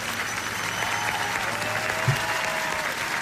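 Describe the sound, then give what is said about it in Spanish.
Steady applause from a crowd, a dense wash of many hands clapping at an even level throughout, with a faint low thump partway through. “Aplauso, señor.”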